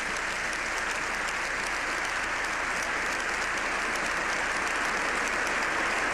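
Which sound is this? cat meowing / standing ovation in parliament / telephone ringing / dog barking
standing ovation in parliament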